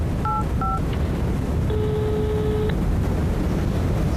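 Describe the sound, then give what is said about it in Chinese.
Two quick telephone keypad tones beep in succession as a phone call to Boss Wang is dialed, followed by a longer steady ringing tone, all set against a constant low rumbling noise. No one speaks. “你现在就给王老板打电话，你问问他”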